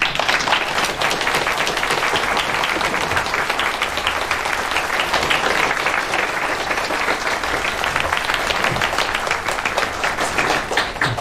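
A group of people at a hospital morning meeting claps steadily and warmly to welcome a department director back, a dense, even wash of applause that holds at a consistent loudness for about eleven seconds without fading.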